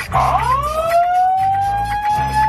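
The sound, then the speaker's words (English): A siren-like alarm sound effect, the "dry hump alarm", wails with a rising tone that climbs and then holds a steady high pitch, loud and continuous, with a low rumbling pulse underneath. “The dry hump alarm.”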